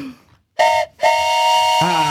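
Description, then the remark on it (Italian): A small handheld whistle blown in two bursts, a short toot then a long sustained one, its harmonic chord mimicking a train whistle; loud, dipping in pitch at the end. “Arriva lei che non sa fischiare. Abbiamo sentito. Allora, attrezzata del moderno zufolino.”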